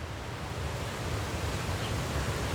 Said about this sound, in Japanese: そう、滝です。100メートルはあるでしょうか。白い水が岩肌を落ちてくる。この魚から見れば滝は巨大な壁です。空から絶え間なく水が落ちてくる。